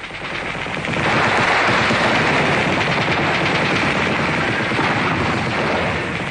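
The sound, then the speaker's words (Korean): Dense, continuous gunfire roars without a break, a loud wall of rapid shots and heavy blasts as dozens of Nationalist (Kuomintang) air force planes fly low, skimming the treetops, bombing and strafing people on a pontoon bridge and in a river in clear weather. No voices. “비행기는 나무 끝을 스칠듯이 득이 양양하게 날면서 폭격과 사격을 퍼부었다.”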